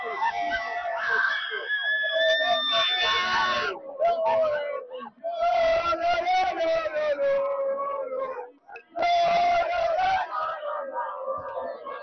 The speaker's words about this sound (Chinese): 西班牙最终赢得了世界杯的比赛，可以看到我身边有很多特别开心的球迷，他们都在欢欣鼓舞，他们欢呼着国旗，高唱着自己国旗西班牙的呼声。